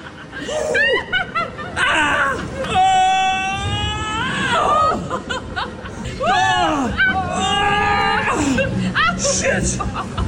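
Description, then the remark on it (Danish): Several people riding a rollercoaster simulator at Universe Science Park shriek and squeal excitedly in long, high, wavering bursts, mixed with laughter and giggles, loud and nearly continuous over ten seconds. “der laver lyde af begejstring i en simulator. En rutsjebanesimulator. En ret vild en af slagsen.”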